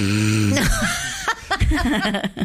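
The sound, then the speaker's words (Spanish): A voice imitates a loud snore, a rough drawn-out rasp, then breaks into chuckling and bursts of laughter with other people reacting. “Sí, prefiero el ruido del pochoclo, te dicen, señora, está roncando.”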